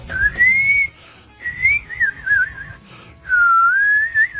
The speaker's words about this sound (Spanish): Antiguamente la tetera era lo más entretenido, porque cuando silbaba estaba porque la agüita estaba lista.